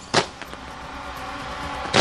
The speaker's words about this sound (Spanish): descríbanos lo que pase, fuegos artificiales en este momento.